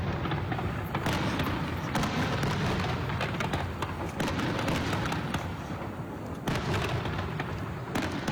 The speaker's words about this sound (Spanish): Este es el vídeo que ha colgado en sus redes sociales el Ayuntamiento de Segovia, con la frase: Segovia se ha llenado esta noche de luz, color y emoción con ese gran castillo de fuegos artificiales de la Pirotécnica Mediterráneo.